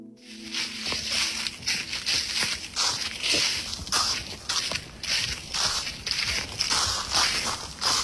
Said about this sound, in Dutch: loopt door een dik pakket droge bladeren in een verder doodstil bos in Garderen. Ja, enerzijds een heerlijk geknisper. En anderzijds een alarmerend signaal van verdroging.